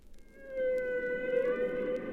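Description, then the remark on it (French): A long, sustained humpback whale call holds a steady tonal pitch with faint upper harmonics, rising from a low murmur of underwater noise and lingering eerily for about two seconds, with no one speaking. “Les sons étranges et féeriques qu'ils émettent sont perceptibles de très loin et ne semblent provenir de nulle part.”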